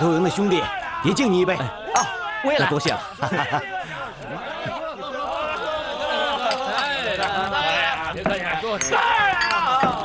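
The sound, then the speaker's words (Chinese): Cups clink together several times in a quick, bright toast raised by a group of comrades to thank a man for the rice porridge he cooked them, amid a busy crowd of voices, with lively chatter and some chuckling continuing throughout. “那我就不多说了，大家都举起杯来。”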